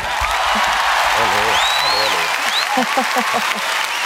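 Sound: audience ovation applause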